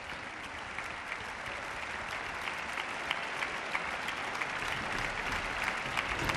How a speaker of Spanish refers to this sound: Bueno, vamos a ver, vuelve a entrar otra vez al escenario y vuelve de nuevo a recibir los aplausos del público aquí congregado en el Palacio de Carlos V de Granada.